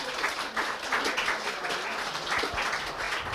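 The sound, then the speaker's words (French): An audience applauds Jean-Paul Demoule at a talk before audience questions, a dense, even patter of many hands clapping at once that keeps the same level throughout, with no voices standing out. “À vous applaudir.”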